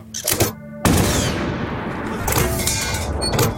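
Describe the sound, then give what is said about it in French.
A couple of quick bangs give way to a loud, sudden blast of a 75 mm artillery cannon, followed by a long rolling roar and rumble that fills the rest of the moment. No one speaks. “Arrivé face à cette forteresse, Leclerc comprend qu'il faut aller très vite et donc il va donner l'impression avec un canon de 75 mm qu'il a, en fait, c'est pas qu'un canon qu'il a, c'est toute une batterie.”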